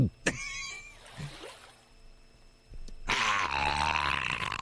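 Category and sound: human body sound, drinking water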